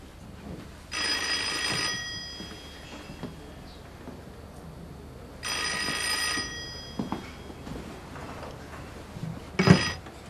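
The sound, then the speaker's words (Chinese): A telephone in a study rings in two long, bright, shrill bursts with a pause between them, then a brief third ring begins at the end, over a faint low background hum. “金师长，金师长，书房有您的电话。”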